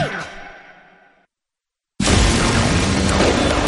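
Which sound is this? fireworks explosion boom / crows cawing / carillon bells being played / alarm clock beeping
fireworks explosion boom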